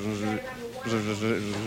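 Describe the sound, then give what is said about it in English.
A voice imitates a mosquito's whine, a steady nasal buzz with strong harmonics that cuts out briefly twice, resuming each time in a sustained, fairly loud drone. “A buzzing sound that quits intermittently.”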